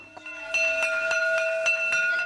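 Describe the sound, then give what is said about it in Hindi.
A school bell rings continuously, its rapid metallic strikes clattering steadily over a bright sustained tone, loud for a couple of seconds with no voices. “School की घंटी सुनकर वो बस्ता थामे हुए दौड़ पड़ा।”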